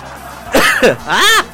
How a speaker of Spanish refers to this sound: Pensé que había terminado de toser.